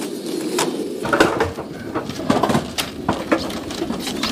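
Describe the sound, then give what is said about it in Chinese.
Several domestic White King pigeons, raised for over three months, coo steadily, their low throaty warbles overlapping continuously, with occasional brief clattering or rustling sounds mixed in. No one speaks. “这鸽真的好，够大。”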